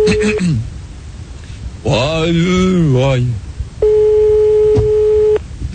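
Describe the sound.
A telephone call being placed on Fun Radio's Radio Libre show: a steady, mid-pitched line tone, a short warbling voice, then a longer unbroken ringing tone with a faint click partway through.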